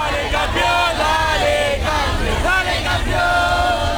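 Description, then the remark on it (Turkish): A large crowd of Argentine fans filling a city square in Buenos Aires cheers and chants loudly and continuously with torches, welcoming the national team despite cold weather and rain, many voices rising and falling together in sung phrases over a steady roar of noise. “Soğuk hava ve yağmura rağmen meydanı dolduran Arjantinliler meşaleler ve tezahüratlarla milli takıma hoş geldin seremonisi düzenledi.”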